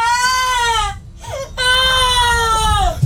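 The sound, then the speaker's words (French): A person vocally imitates a distant wailing cry of despair: two long, high, sobbing wails with a brief catch between them, each sliding downward in pitch, loud and unaccompanied by talk. “Chérie, tu veux faire un cri un peu de désespoir au loin, un peu.”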